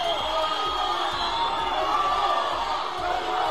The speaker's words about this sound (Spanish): El ministro del Interior, Fernando Grande Marlaska, volvió ayer lunes a Ceuta y lo hizo entre abucheos de ciudadanos que se manifestaron de forma espontánea a las puertas de la delegación del gobierno.